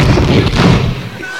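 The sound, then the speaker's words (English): A voice imitates a bathroom door being locked with a loud, percussive thump-and-click sound. It is one brief burst that fades out quickly. “Just, and they let you know they're locking it.”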